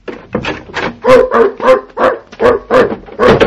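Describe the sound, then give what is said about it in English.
A large dog, a little bigger than a toy poodle, barks loudly and repeatedly, about nine deep, harmonic barks in a quick, steady rhythm, with no voices in between. “No, it's a little bigger than a toy poodle.”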